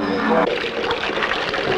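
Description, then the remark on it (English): Water flows in a steady rushing wash that fills the short clip, right after a brief humming tone at the start cuts away. “Could we have some more water, please?”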